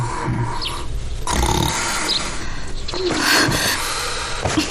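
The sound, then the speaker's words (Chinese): Loud, rough snoring with snorting, grunting inhalations that come in slow cycles, a couple of heavy rasping breaths over a steady noisy background, with no talking. “别打呼噜了，我让你别打呼噜了。”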